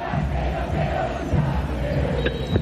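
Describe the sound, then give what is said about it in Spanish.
A dense, steady roar of a large stadium crowd, with fans giving scattered applause as the Racing players leave the pitch. It holds at a constant level throughout, with no distinct voices standing out. “Los jugadores ya se retiraron del campo de juego con algunos aplausos de los hinchas.”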